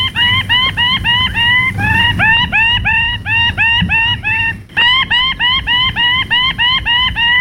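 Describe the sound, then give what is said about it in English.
A male bird-of-paradise shrieks in a rapid, excited series of loud, harsh rising calls, repeated several times a second with a brief pause midway, while dancing on a tree branch and throwing his ruby plumes above his head, over a low rumbling background. “In a frenzy of excitement, he threw his ruby plumes above his head, shrieking with excitement.”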